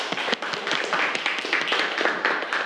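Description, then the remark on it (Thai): A group of students clapping together for a classmate, a dense, steady patter of many hands sustained evenly throughout with no one talking over it. “ปรบมือให้เพื่อนเลยครับนักเรียนนะครับ”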